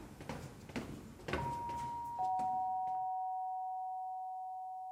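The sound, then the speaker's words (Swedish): A doorbell is rung and echoes in the stairwell of a pink house: a higher bright tone, then a slightly lower one, both ringing on and slowly fading, after a few seconds of soft shuffling noise. “Det ekar i trapphuset när Kalle ringer på.”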